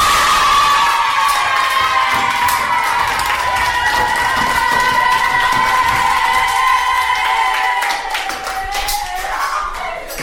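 A loud, sustained crowd cheer with shrill, excited voices and scattered clapping, holding steady for about ten seconds before easing slightly at the end, applauding the end of a musical piece.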